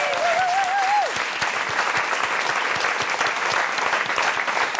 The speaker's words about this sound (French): Un applaudissement, s'il vous plaît, pour le restaurant de la Poste à Anzer, qui nous nourrit toute la semaine.